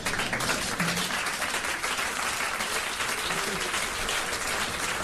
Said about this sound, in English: I'm just asking a question. Y'all giving me a clap for me. I'm like, a yes is fine.